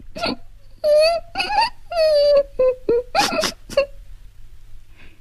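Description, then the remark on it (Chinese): A child sobs low and mournfully, in a series of broken, wavering wails and catching breaths separated by short pauses, before trailing off into quiet. “凄婉低回的哭声，使倭文子在怜悯的思绪中又夹杂了深深的负疚。”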